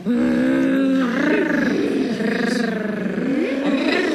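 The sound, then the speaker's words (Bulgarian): Children growl and roar in imitation of wild animals, several voices overlapping, loud, with a rough wavering pitch that rises and falls for a few seconds. “И децата започнаха да ръмжат.”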